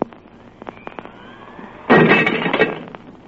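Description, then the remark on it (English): Faint ticking and a thin high whine give way to a single sudden, loud crash of a glass on the edge of a table shattering, bright, with shards ringing briefly before fading. “Now then, please stand exactly where you are and watch closely what happens to that glass on the edge of the table.”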